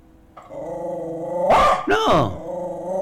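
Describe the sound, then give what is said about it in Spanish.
A dog growls steadily, then lets out two sharp, loud barks in quick succession before settling back into a low, continuous growl. “No se enoje. Es el día del perrito, entonces.”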